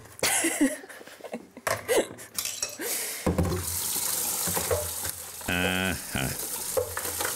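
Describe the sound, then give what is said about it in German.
Hot water gushes steadily from a tap into a sink after a few seconds of clinking and clattering, with a brief high whining squeal from the pipes partway through the flow. “Ein wenig heißes Wasser könnte gute Dienste tun.”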